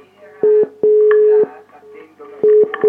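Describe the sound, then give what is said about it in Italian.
A loud, steady telephone line tone sounds in several on-off bursts of uneven length, separated by short gaps, with faint murmuring in the background between the beeps. “Attendo la seconda telefonata, attendo perché c'è qualcosa.”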